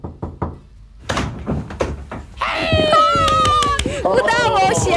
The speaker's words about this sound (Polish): Udało się, słuchajcie, weszli do studia. No, drzwi otwarte.